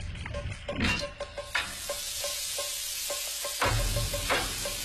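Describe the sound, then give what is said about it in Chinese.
Papa fish, gutted and marinated with salt and vinegar, sizzles and crackles steadily as it goes into oil heated to 70-80 percent hot, with a dense hiss broken by sharper pops and a few clattering knocks from the pan. No one speaks. “油烧至7-8成热，啪啪鱼下锅。”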